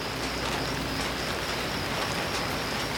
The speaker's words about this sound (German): Später prasseln Regentropfen auf das Zelt. Das hört sich toll an.